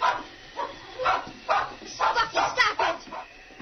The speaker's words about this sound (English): he was greeted by a sudden series of barks from inside the cabin